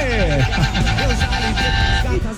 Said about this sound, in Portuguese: Buzina aí, mano. Sentido Cajati. Bom dia pra todo mundo aí. Bora de buzinaço.